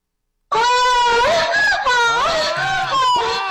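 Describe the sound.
A voice imitates a woman's wailing scream: a loud, high, quavering cry that wavers up and down in pitch and holds steady for about three seconds after a moment of silence.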